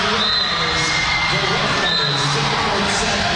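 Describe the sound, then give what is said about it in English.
A loud, continuous crowd roar with scattered shouts and high-pitched whoops, dense and sustained throughout, voices blending together, as the Grand Forks Red River home crowd and student section cheer and come onto the floor after the Rough Riders win the match 25-15 in the fourth set. “You can see the Red River crowd coming out onto the floor. The student section emptying out.”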